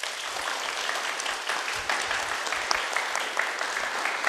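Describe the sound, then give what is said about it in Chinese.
Steady, sustained applause from an audience welcoming a guest, the dancer who played the 20th Yingniang in a Silk Road dance drama, fills the whole stretch, a dense wash of many hands clapping at an even level with no voices over it. “接下来，让我们掌声请出”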